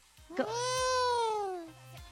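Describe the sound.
A person mimics a cat with one long, drawn-out meow that rises briefly and then slides down in pitch, loud, with no other voices.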